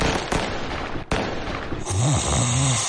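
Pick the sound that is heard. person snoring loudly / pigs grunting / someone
person snoring loudly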